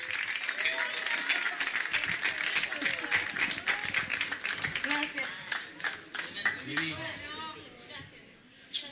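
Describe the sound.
Sustained applause from an audience, dense rapid clapping filling the whole stretch, with voices and a few cheers mixed in and faint tonal sounds underneath.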